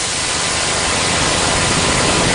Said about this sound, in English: Of course, we can tilt it the other way, toward the hissing high end of blue noise.